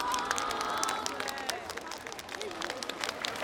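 An audience on a show claps and cheers steadily for a few seconds for a dancer whose performance ended when the music stopped, a dense wash of applause with scattered voices rising through it and no single speaker standing out.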